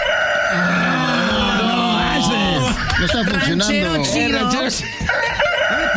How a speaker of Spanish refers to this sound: Ahí está, ahí el gallo.